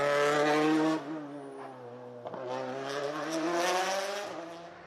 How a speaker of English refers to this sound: That's what a Toyota on form should look and sound like as we join Takamoto Katsuta.